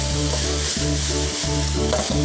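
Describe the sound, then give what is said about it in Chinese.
Light soy sauce hisses loudly against a hot wok edge as chicken is stir-fried, a steady sizzle broken every second or so by the scrape of a spatula stirring the food. No one speaks. “少放一点点的生抽酱油， 这儿 好嘞。喷锅边原始的香味儿。”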